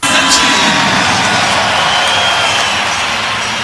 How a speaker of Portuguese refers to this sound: Muito comemorado aqui também pelos torcedores.